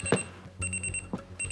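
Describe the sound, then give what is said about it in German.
An alarm clock rings with rapid, high-pitched electronic beeps in short repeating bursts, broken by a couple of brief rustling knocks. No one speaks. “Dein Wecker.”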